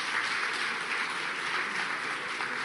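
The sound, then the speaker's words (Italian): Steady applause from a crowd at a panel for Italy's Minister for the Sea, Nello Musumeci: a dense, continuous wash of many hands clapping at once, moderately loud with no voices standing out. “So a big applause for the Minister for the Sea of Italy.”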